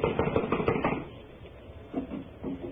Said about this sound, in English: It's locked from the inside. Well, someone is definitely in there. I am going to knock. Now listen closely.